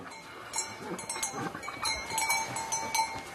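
Eight mules crowd together in a ground-floor stable on hearing their keeper's footsteps: scattered shuffling and knocking movements over a steady, thin ringing tone, moderately quiet throughout, with no one speaking.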